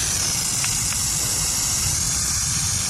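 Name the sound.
burrowing owl hiss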